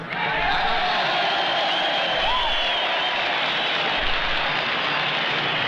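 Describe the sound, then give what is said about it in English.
A huge crowd cheers and applauds loudly and steadily, a dense roar of clapping, whoops and shouting that fills the space without pause, with no single voice standing out. “I don't know how to speak to 20 people at one time, let alone a crowd like this.”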